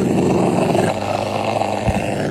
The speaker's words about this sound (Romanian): Ocelot. Exact. Un ocelot ușor supărat. Supărat, da.